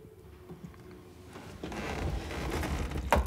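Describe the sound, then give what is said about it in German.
Quiet shuffling and movement build for a few seconds, then a single sharp knock and latch click near the end as a door is pulled shut. No one speaks. “Ich mache jetzt die Tür zu.”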